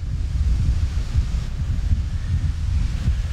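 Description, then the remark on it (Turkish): Thunder rumbles low and steady for a few seconds, a deep continuous roar with a windy, blustery edge and no voices. “Gök gürültüyor.”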